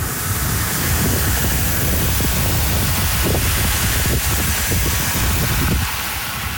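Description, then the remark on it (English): Steady rain, recorded a few days earlier in Regina, pours down in a dense, unbroken hiss, with a low rumbling undertone and scattered patters, holding at an even loudness throughout with no voices. “That's not live sound of rain, so you can relax out there. But that was rain from a few days ago that left some areas of Regina underwater.”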